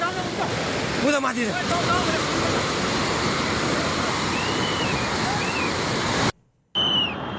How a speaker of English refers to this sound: Meanwhile, Nepal's Trishuli area completely inundated with flood water sweeping through streets and buildings.